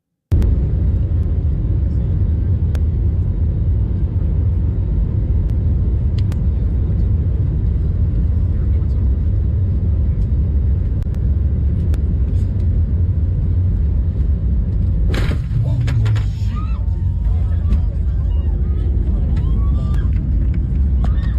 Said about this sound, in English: Actually, that was the in-cabin audio that a passenger was taking on their phone. You can hear the little bit of a smack there and then the passenger screaming. It turns out that a man climbed over a fence and was crossing a runway.